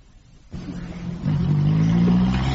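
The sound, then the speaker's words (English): A car engine starts up, then revs louder with a steady rising hum as the vehicle pulls away. No voices are heard. “Then bring the car around about 5:30 and pick us up.”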